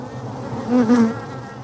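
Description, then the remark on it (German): Honeybees at a hive on a city tower buzz in a steady, agitated drone, swelling louder for a moment midway as one seems to pass near, then settling back. No voices. “Jetzt werden sie langsam doch ein bisschen biestig.”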